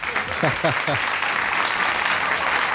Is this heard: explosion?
no